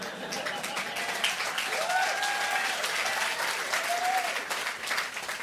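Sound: audience applause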